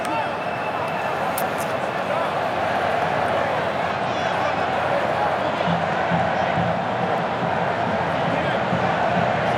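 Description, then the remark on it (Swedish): A stadium crowd roars steadily with scattered applause from Spain's supporters in red for Spain's first corner kick of the match against Cape Verde at 0-0, a dense, unbroken wash of cheering and murmuring that holds at an even level throughout. “Ja, här kommer första hörnan, några applåder från de röda utav portrarna som är på plats.”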